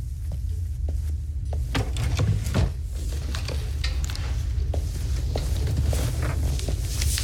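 A drawer slides open with a scraping rumble, followed by scattered clicks and the rustle of papers as letters are taken out of it, over a steady low background hum. No one speaks.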